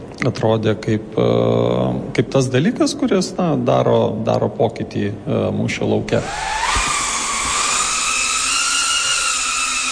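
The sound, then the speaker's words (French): A person speaks for several seconds, then a small drone's propellers start up with a loud, steady high-pitched buzz that rises slightly in pitch and holds until the end, at Drone House, an indoor drone-piloting centre in the suburbs of Riga, Latvia. “C'est pour offrir un espace à ceux qui voulaient apprendre à piloter des drones que”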